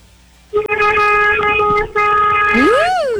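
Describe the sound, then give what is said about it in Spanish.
A loud car horn blares in two long sustained honks with a brief break between, the second ending in a rising, wavering tone. “Le está tocando ay, el pito. Ay, gracias por ese pitazo.”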